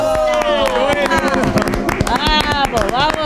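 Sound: applause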